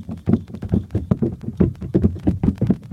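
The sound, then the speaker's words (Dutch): The mayor stamping his feet on a floor in a quick, slightly uneven series of heavy, low thuds, a dozen or more over a few seconds, fairly loud and with no voices. “En de burgemeester is nog steeds aan het stampen.”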